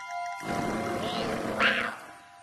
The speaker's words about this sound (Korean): 으르렁 소리가 들리면 계속 가세요. 으르렁 소리? 방금 들었어?